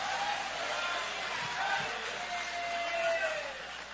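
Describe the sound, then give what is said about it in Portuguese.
An audience at a Portuguese-language church service applauds steadily with hands raised, a dense wash of clapping that fills the whole stretch, with a few whoops and cheers rising over it before it eases slightly at the end. “Quem crê que Ele devolve, que Ele restaura, joga a mão para cima então aplaudindo, joga a mão para cima adorando.”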